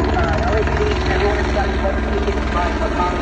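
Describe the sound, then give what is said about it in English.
Loud helicopter rotor noise pounds in a rapid, steady thumping rhythm with a constant roar. A muffled voice is faintly buried beneath it. “It sounds like he's holding the mic up to the blade to the chopper instead of to his mouth.”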